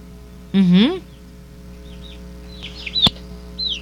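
A loud, drawn-out rising call opens. It is followed by a scattering of faint, high, downward-sliding peeps from a chick held up to a telephone during a radio broadcast, and a brief sharp click, over a steady low hum.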